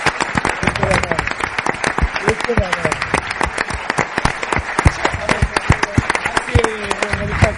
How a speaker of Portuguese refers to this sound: e de verdade que vos lo dicimos, isto é para vos, facémolo de corazón, estamos super agradecidos de todo o apoio que recibimos por vos, así que este aplauso, por favor, para vos.